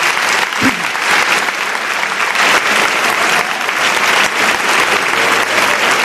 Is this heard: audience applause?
yes